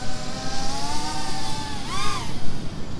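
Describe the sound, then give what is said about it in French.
A small, very fast drone's buzzing motor whine drones steadily overhead, its high harmonic pitch holding level before briefly swooping up and back down near the end, with no talking. “Il y a un drone qui vole au-dessus de moi.”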